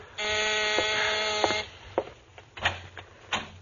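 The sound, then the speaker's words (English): A door buzzer sounds at about midnight in one harsh, steady burst lasting about a second and a half, rich and rasping, then a few faint clicks and soft thuds follow. “It's about midnight when you hear someone at the door.”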